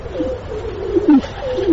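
bird, pigeons cooing

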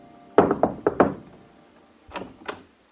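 impact, knocking on a door

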